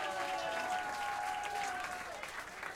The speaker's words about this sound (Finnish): Taputtakaa hälle, hän kumartaa.